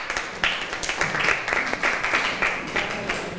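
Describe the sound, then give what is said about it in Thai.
A class of students applauds a classmate together, a dense, steady patter of many hands clapping at once, moderately loud and sustained for several seconds with no talking. “ค่ะสอเสียงปรบมือให้เพื่อนหน่อยค่ะ”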